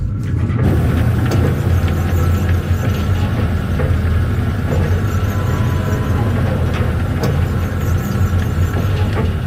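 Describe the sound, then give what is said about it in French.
Oil pumpjacks, the 'horse head' pumps, churn with a steady, heavy mechanical drone as they pump oil from the ground, a deep rumble layered with faint metallic squeals and occasional soft clanks, continuing without pause and with no voices. “Voilà, le bruit des chevalets de pompage en train de tirer le pétrole du sol avec au bout les fameuses têtes de cheval, comme on les appelle.”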